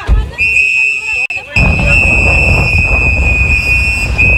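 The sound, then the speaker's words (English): Shrill whistles blown by activists in long, steady blasts as masked ICE agents place a handcuffed man into a black SUV in New Bedford, one piercing high tone held almost without a break, over a rough wash of crowd noise and indistinct voices. “The sound from activists blowing whistles and telling the handcuffed man not to talk to the officers.”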